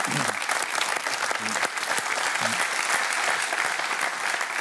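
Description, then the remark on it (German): Steady, dense audience applause for a ninepin bowling player fills the whole clip, a continuous wash of clapping at a fairly loud, even level, with a few faint voices murmuring underneath. “das ist dein Applaus, aber auch den stolzen Eltern natürlich einen guten Abend.”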